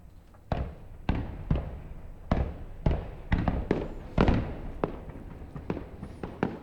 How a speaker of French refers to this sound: Le festival de feux d'artifice de Montréal a lieu sur une île en face du centre-ville de Montréal et qui est sur l'autre rive du fleuve Saint-Laurent. Et c'est ce qu'on entend depuis cette rive.